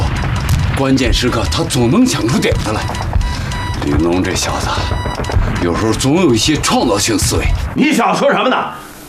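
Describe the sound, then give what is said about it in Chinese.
Loud, chaotic battle noise with heavy booming artillery and rapid gunfire from fierce Japanese enemy fire, while voices shout urgently over the din throughout, easing slightly near the end. “鬼子的火力太猛，齐齐二团又撤下来了。”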